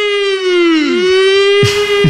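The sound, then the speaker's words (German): A loud, sustained alarm siren sound effect, used as a radio 'Ronaldo alarm' for Ronaldo entering the 2026 Football World Cup. It wails at a steady pitch with rich harmonics, briefly dipping and sweeping, then two heavy low thumps land near the end. “Da starten wir den Ronaldo-Alarm.”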